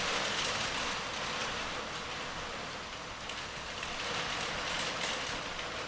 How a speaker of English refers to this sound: I wonder if I can hear the rain. I hear the rain beating down on the roof.